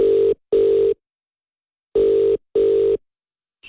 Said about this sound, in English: I've got his number punched in now and we'll ask if he's doing okay. That's if he answers the phone.